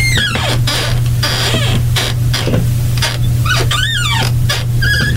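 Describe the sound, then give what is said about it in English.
A squeaky chair at radio station KFJC creaks out a run of chirping, warbling squeals that rise and fall in pitch like R2-D2 droid beeps, over a steady low hum. “I can move just right, there's sort of an R2-D2 effect.”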